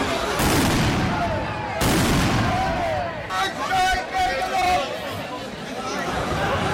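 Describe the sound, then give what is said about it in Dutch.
Two heavy fireworks blasts, set off by a group of 50 demonstrators at a street protest, boom out loudly in quick succession, followed by the excited shouting and chatter of a crowd out on the street. “Dat is ook zwaar vuurwerk zo te horen.”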